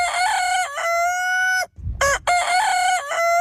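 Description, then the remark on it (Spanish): A rooster crows loudly in long, harmonic calls, one after another, with brief chicken clucking in a short gap between crows. “Casi todas las familias criaban animales en el terrao, gallinas, conejos o palomas.”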